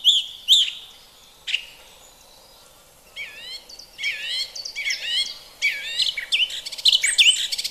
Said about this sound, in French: Nous passons maintenant à la grive musicienne. C'est un chant très bruyant, clair et varié.